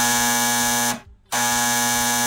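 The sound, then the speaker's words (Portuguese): A telephone rings with a loud, buzzy electronic tone that sounds for about a second, falls silent briefly, then starts ringing again. No one speaks. “O telefone tocou.”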